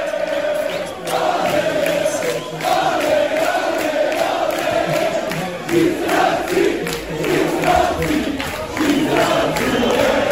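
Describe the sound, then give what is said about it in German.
A large crowd roars and cheers continuously for about ten seconds, loud and dense, with swells of shouting rising and falling but never dropping away. “Wir hoffen, wir haben auch das mal Grund zum Jubeln.”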